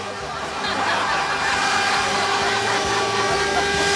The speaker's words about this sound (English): We're right on the cane line here, and that's a cane train heading to...